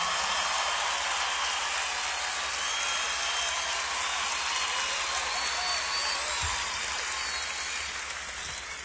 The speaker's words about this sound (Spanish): Y tenemos también el privilegio en esta noche que nos esté acompañando una orquesta de aquí de Los Ángeles. Un aplauso para ellos.